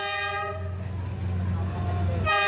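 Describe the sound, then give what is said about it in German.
A loud passenger train horn in Vietnam announces the train's arrival as it squeezes through a narrow alley between houses on the Hanoi–Ho Chi Minh City line. The horn blares at the start and again at the end, its harmonic tone cutting over a deep, steady rumble of the train rolling close by. “Ein lautes Horn kündigt ihre Ankunft an.”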